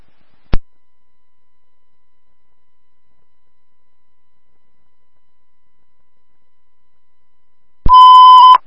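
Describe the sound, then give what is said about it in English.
A short, steady electronic dispatch radio alert tone sounds loudly near the end, ahead of a hospital notification to all companies, after a long silence broken only by a single brief click. No one speaks. “Notification, all companies stand by for a hospital notification.”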